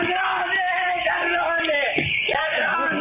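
An 82-year-old grandmother screams in desperation on realizing the men were not Banco Nación employees or friends of her daughter but criminals who had taken her dollar savings; her strained, high-pitched cries waver continuously for a few seconds, loud, with a faint background hiss.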